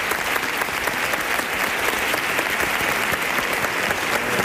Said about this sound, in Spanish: Ovación del público puesto en pie, ¿eh?